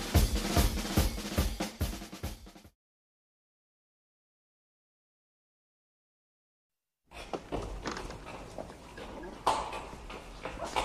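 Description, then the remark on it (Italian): A mule's hooves clop in a quick, steady rhythm as it is being tied up, fairly loud for a couple of seconds, then cut to silence before a busier, noisy stretch of activity resumes. “Sto legando il mulo.”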